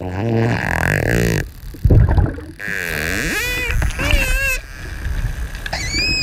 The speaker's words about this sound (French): C'est bien un dauphin hein, qu'on entend là. Alors qu'est-ce qu'il fait? Alors les premières vocalisations, c'est ces clics qui sont très rapprochés. Donc ça fait comme un buzz.